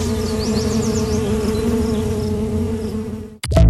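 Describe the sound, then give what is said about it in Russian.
Steady, droning buzz of many bees humming together among city skyscrapers, a low layered hum with faint chirping bird notes above, continuing evenly before cutting off abruptly near the end. “пчелы прекрасно чувствуют себя среди небоскребов.”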